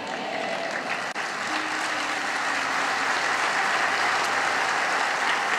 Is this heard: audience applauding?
yes